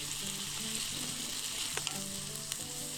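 Steady, bright sizzling of skioufichta pasta frying in a pan as it is stirred for one to two minutes, with a couple of short scraping clicks. A faint low hum runs underneath, and no one speaks.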